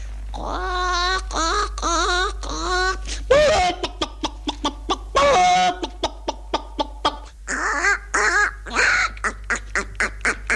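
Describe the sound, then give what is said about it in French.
A person vocally imitates a hen, starting with drawn-out warbling cackles and breaking into a rapid series of short, sharp clucks, loud, with no other talking. “Il y avait les poules. Il y avait Madame de Rézy qui me demandait toujours, faites-moi une poule, allez-y.”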